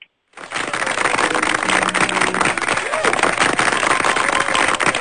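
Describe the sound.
A sustained burst of audience applause, dense and steady, with many hands clapping at once after a brief silence; faint tonal voices or cheers drift through the noise.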